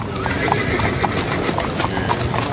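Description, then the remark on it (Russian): Rapid, pounding hoofbeats of horses galloping wildly along a dark street in a steady, driving rhythm, loud and continuous, with a faint whinny mixed in and no talking. “По темной улице бешено налетели конские копыта.”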